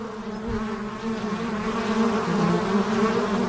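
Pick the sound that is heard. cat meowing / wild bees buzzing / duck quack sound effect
wild bees buzzing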